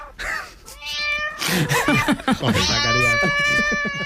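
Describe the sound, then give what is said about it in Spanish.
A played recording of several cats meowing loudly, their drawn-out, wailing cries overlapping almost continuously for a few seconds, with no pause between calls. “Son tres animales tranquilos, no como los que nos ha puesto Zacarías”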